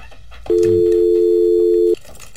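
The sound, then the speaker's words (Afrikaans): A loud telephone busy tone after a radio listener's call-in line drops, sounding as one steady, unbroken electronic hum for about a second and a half, over faint low background noise, then cutting off abruptly. “Ok, daar een het ons verloor.”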